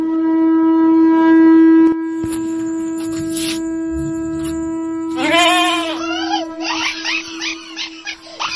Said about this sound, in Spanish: ¿Es un borrego? ¿Llegó la hora del sacrificio?